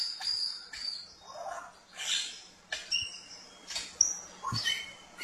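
An Albert's lyrebird sings a varied, rapidly shifting sequence of calls, mixing sharp whistles, chattering notes and mimicked sounds, heard clearly outdoors with no one speaking.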